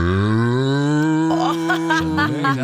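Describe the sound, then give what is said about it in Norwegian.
A person imitates a 'cool' cow, producing one long, steady moo with rich harmonics that wavers and bends in pitch toward the end, loud with no other sounds. “Og så er det kul ku.”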